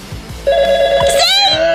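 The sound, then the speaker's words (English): A loud electronic telephone ring starts after a brief pause, holding a steady tone before breaking into a rapid warbling trill. “Make that phone ring. Come on, ringy-dingy.”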